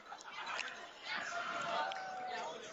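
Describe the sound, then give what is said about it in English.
A large football crowd roars steadily, and partway through a mass of voices from the student section rises into a sustained, chant-like celebration singing over the general din, loud and continuous to the end, as the quarterback takes the final knee. “You can hear the students singing in celebration in the crowd mic.”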